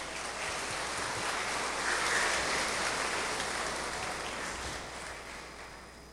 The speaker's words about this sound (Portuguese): Parabéns. Salva de palmas.